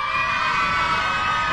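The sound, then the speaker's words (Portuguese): A group of children at the Grupo RBS stand shouting and cheering all at once when asked to make noise, a loud, dense wall of high-pitched voices that holds steady throughout without any pause. “Quer ver as crianças? Criançada, faz barulho aí!”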